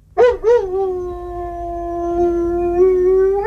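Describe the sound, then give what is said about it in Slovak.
A dog in an apartment block flat lets out a couple of short yelping onsets, then settles into one long, steady, mournful howl that holds loud for several seconds, rising slightly at the end. “Najmä keď spoza steny susedia počujú toto.”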